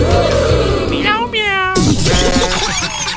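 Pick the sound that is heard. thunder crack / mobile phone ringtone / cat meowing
cat meowing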